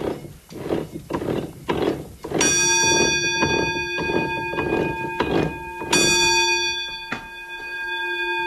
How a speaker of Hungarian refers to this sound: Akkor értem a csöngőt. A malomnak a hengerszékein van egy csengő, ugye, és az, amikor üresen ment a malom, az csengetett.